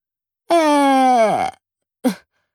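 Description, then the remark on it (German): A voice imitates one loud snore: a long, drawn-out rasping tone sliding downward in pitch, then a short breathy puff after a brief pause. “Sekunden später schnarcht er, dass die Bilder an den Wänden wackeln.”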